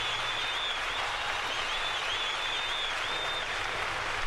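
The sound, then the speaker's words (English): A large crowd claps steadily and densely without pause, with thin, high whistles rising briefly over the applause several times. No one speaks. “I think the crowd likes it. Sounds like it anyway.”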